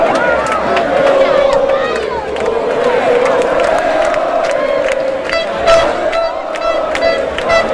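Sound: crowd cheering and shouting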